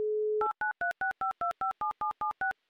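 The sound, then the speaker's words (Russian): A short steady telephone dial tone, then a quick, even run of about eleven keypad beeps as a number is dialed on an outgoing call by Humor FM radio hosts to a listener in the town of Troitsk, clear with no voices. “город Троицк, давайте попробуем до него дозвониться.”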